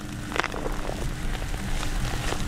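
The first scattered raindrops of early September patter on a peanut field after a dry spell, light irregular taps over a steady low outdoor rumble, with no voices present.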